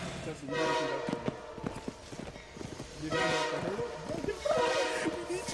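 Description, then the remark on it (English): A train horn sounds in a few loud, sustained blasts over the steady rumble and clatter of a rolling train, with a rhythmic clopping underneath. “We caught up to the train.”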